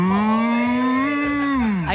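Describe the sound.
A person imitates a cow with one long, sustained moo, steady and fairly loud, rising slightly and then dipping at the end, with no other talk.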